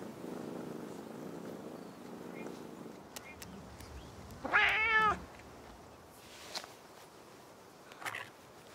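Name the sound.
cat purring and meowing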